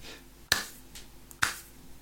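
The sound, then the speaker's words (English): Two sharp, crisp hand claps, roughly a second apart, each a bright single crack over faint background hiss with no talking. “Yeah, I did the clapping.”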